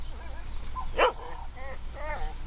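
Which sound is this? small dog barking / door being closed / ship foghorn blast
small dog barking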